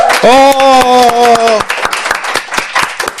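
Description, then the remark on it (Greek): An audience applauds with dense, irregular claps throughout, while a held, tuneful voice cheers over the first half before fading, leaving loud clapping alone. The applause welcomes singer a singer as a guest. “Αυτό χειροκροτούμε.”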